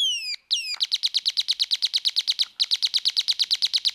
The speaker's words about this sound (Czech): Vy slyšíte, jak ptáčkové krásně zpívají